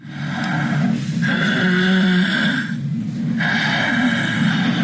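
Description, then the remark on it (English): Loud, rough snoring, with long rattling breaths in a steady rhythm and brief pauses between them. No one speaks. “Obstructive sleep apnea may sound like snoring, but it can also sound like a car crash.”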